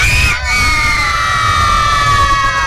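A large group of children at a football supporters' party yell the team chant "Galo" together, loud and sustained, their voices blending into one long, high-pitched shout that nearly fills the whole moment.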